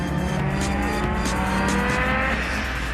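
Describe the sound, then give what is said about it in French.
The turbocharged engine of a 30-year-old, 470-horsepower rally car roars steadily, its pitch climbing and shifting as it revs hard, with a faint hiss riding over the loud mechanical drone. “Quand le turbo il se met en route, on peut vous dire que les 470 chevaux, ils sont bien là.”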